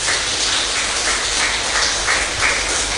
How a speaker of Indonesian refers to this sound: Kita tepuk tangan untuk Tuhan.